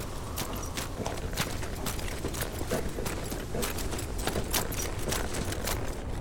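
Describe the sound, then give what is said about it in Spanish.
Horse hooves clop along at an unhurried walking pace as a horse is turned and walks away from a grandstand box, a steady run of sharp knocks over a constant, rustling background, fairly even in loudness throughout. “Dank gira su caballo alejándose del palco.”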